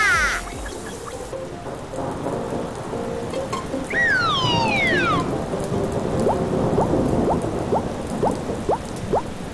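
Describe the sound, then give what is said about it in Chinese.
Steady, dense rain pours down with a low thunder rumble underneath, while a few brief whistling, sweeping tones cut through midway. No voices are heard. “打雷是不打了，可这雨怎么还不停啊？”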